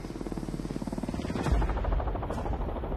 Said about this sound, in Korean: 하지만 장점은 확실합니다. 동축 반전 시스템은 엔진 출력을 온전히 헬기를 띄우는 양력에만 집중할 수 있거든요. 꼬리 날개를 돌리는데 힘을 빼앗기는 단일 로터 방식보다 효율 면에서 한결 뛰어난 셈이죠.